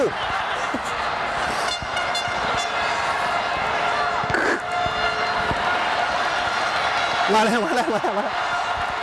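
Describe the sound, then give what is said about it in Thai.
A loud, sustained crowd cheering from outside at a sports event roars steadily for the whole stretch, with wavering shouted or chanted tones rising out of the din near the end. “มาแล้วคือตอนนี้นะได้ยินเสียงดังมากเลยครับคือเสียงเชียร์จากข้างนอกนะฮะ”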